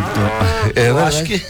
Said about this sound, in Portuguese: Não, mas era a inteligência natural, porque a grama era de verdade e a vaca também. A vaca e a terneira.